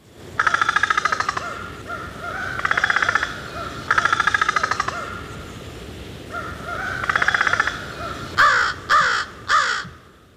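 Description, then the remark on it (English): A crow gives a series of rapid, dry rattling calls in separate bursts, each about a second long, followed by three short harsh caws at the end, with no talking. “Especially in spring, adults make distinctive rattle calls, which are accompanied by bobbing and which may be associated with courtship.”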